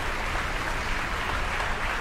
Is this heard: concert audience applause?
yes